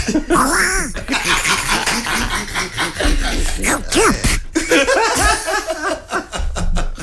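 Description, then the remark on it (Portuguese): A loud, raspy cartoon duck-like voice squawks and chatters in rapid, unbroken bursts for several seconds, its pitch bending up and down in nasal quacks. “Me parece o Donaldinho. Queres ouvir outra vez? Pato Donald Trump.”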